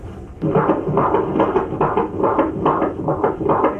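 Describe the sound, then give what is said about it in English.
A baby boy's fetal heartbeat on a doppler monitor during a routine pregnancy checkup, a rapid, steady whooshing pulse repeating over muffled static. It's loud, with no talking over it. “We're gonna listen to the heartbeat now.”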